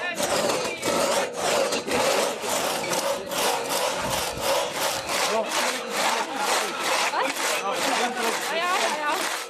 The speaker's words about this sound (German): Deutlich anstrengender war dann wohl das Holzsägen auf Maß, welches vorher aber nicht abgemessen werden durfte. Hier galt es, gutes Augenmaß zu haben und schnell zu sägen.